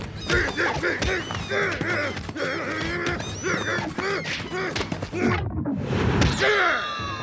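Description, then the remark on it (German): Loud, harsh squawks and honks from a bird burst out repeatedly amid thumps, swishes and crashing noises of a scuffle, ending in a flurry of flapping and a sharp cry. “Zisch ab, du dummer Vogel!”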